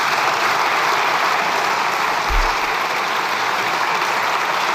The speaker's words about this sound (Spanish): Aplaudiments des de la bancada socialista pel president del govern.